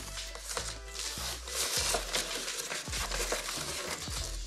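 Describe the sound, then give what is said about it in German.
Continuous crackling and crinkling of plastic film as it tears immediately while being cut with a utility knife, with scattered sharp snaps and low dull knocks throughout, no voices. “Guck mal, da reißt sich die Folie sofort ein.”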